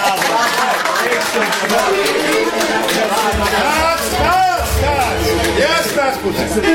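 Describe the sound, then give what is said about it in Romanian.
People on a theater stage clap steadily among themselves over a dense babble of overlapping voices and chatter. The applause and talk blend into a loud, continuous wash of noise that never drops away. “Nu mai aplaudați între voi, că n-aveți de ce.”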